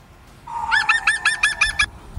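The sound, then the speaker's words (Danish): A green woodpecker's laughing call played from a phone: a quick run of about eight loud, ringing, slightly falling notes after a short lead-in tone, with no one talking. “Ja, der var grønspætten jo. Ja, på din telefon”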